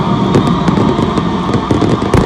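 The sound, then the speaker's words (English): Fireworks crackle and pop in a dense, continuous barrage, with sharp bursts punctuating a steady rumble of explosions. “Just random fireworks.”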